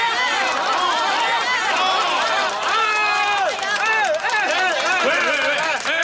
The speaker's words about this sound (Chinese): 大家呢，鼓掌欢迎啊！